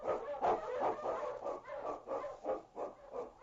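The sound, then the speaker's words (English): A pack of husky sled dogs, led by the lead dog King, barks excitedly in the Yukon in a rapid, overlapping series of yaps and woofs, loud, with a few higher yips mixed in. “On, King! On, you Huskies!”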